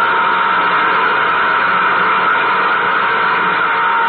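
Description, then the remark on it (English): Nuclear jet engines number one and number two run at takeoff power: a loud, unbroken roar, a dense hissing rumble that holds steady in pitch and volume throughout, with no voices. “Cut in nuclear jet number two.”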